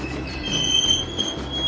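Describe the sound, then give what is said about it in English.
A 1900s train on the Grand Canyon Railway pulls into the depot with a sustained, high-pitched squeal of metal wheels on rails over a deep rumble, loud, with no talking. “Pulling into the depot.”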